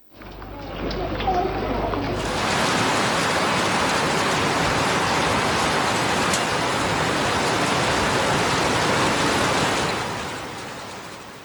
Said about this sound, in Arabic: شهدت مدينة غزة وشمال القطاع موجة من الأمطار الغزيرة مصحوبة برياح نشطة ما فاقم المعاناة الإنسانية للآلاف من العائلات النازحة. وأدت الرياح والأمطار إلى غلق وتضرر عشرات الخيام التي تفتقر إلى أدنى مقومات الحماية التي لا تمنع تسرب مياه الأمطار إلى داخلها.